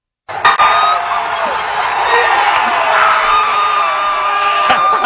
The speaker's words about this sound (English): Across the entire country, screaming, cheering, all of us in unison across this great country